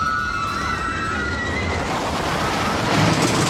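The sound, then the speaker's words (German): A roller coaster rushes past at an amusement park: a steady, loud roar of rushing noise with high, wavering screams from a group of riders over the first half, then the rush swells slightly toward the end. “Großes Geschrei, wenn die Achterbahn vorbei rauscht.”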